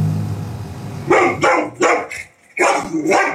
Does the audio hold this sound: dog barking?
yes